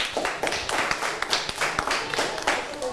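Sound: group clapping hands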